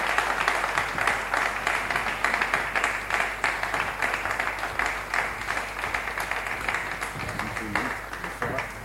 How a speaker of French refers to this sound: Nous avons aussi le ministre du Commerce extérieur, M. Julien Paluku Kaungia, sous vos applaudissements, M. le ministre.